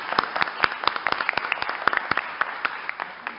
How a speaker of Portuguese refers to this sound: Uma salva de palmas.